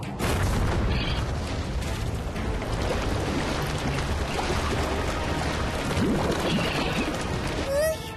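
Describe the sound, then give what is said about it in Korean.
A volcano on an island rumbles and erupts with a loud, continuous roar, deep booming bursts churning through it for several seconds before it cuts off abruptly. “섬에 있는 화산이 폭발할 것 같아!”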